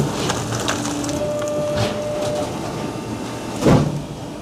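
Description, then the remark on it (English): A steady mechanical rumble with a faint whining hum as a recycling baler fills and compresses cardboard into a bale, broken near the end by one loud crunching burst of crushing material. “And then as the machine is getting filled, you're going to hear it's compressing the cardboard and turning it into that baled product.”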